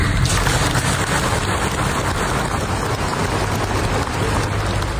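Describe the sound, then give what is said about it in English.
A sustained round of applause, many hands clapping in a dense, steady wash of crackling noise that holds at an even, loud level for the whole stretch with no voices on top. “about there will be no bulldozers, and there was a round of applause there.”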